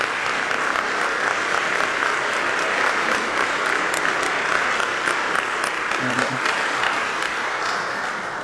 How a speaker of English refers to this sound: And let's give her a round of applause as well.